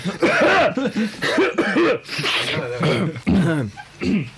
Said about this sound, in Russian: Так, давайте откашляемся.